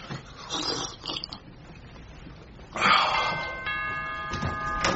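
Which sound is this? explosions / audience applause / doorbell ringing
doorbell ringing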